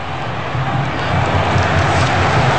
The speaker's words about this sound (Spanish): Aplaude el público.